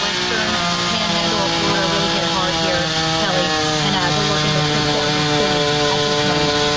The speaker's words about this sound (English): You can hear the sound of the recovery efforts already. You hear the chainsaw going, so many downed trees.